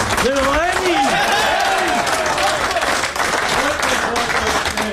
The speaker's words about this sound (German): 20-fache Grand Slam-Sieger, der Roger Federer, ist in die Garderobe gegangen. Genau. Und mit Empfang und viel Applaus empfangen worden.